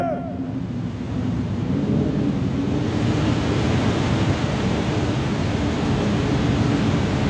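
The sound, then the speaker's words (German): A loud, continuous roar of a stormy sea, with heavy waves surging and crashing. The rushing swell builds after the first second and stays dense throughout, with no one speaking. “Das Meer bebt! Sieh die Wellen! Das Meer tut sich auf!”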